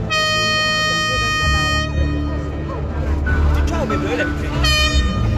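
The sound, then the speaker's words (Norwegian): A loud truck horn blares in a sustained tone, cuts out briefly and sounds again near the end, over a rumbling outdoor crowd with scattered voices, at a noon demonstration on Eidsvolls plass demanding lower fuel pump prices. “I dag hadde en ny gjeng samlet seg på Eidsvolls plass, og kanskje ble det ikke det store brølet denne gangen, men et tut fikk vi.”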